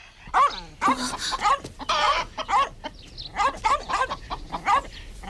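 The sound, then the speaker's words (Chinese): A small spotted dog that has walked into a family's courtyard barks repeatedly while startled chickens cluck and squawk, jumping up onto the roof, in a busy, overlapping flurry; the bursts come loud in quick succession across the whole stretch, with no talking. “只小花狗走进了鼎臣家的院子，鸡都被吓得跳到了房顶上。”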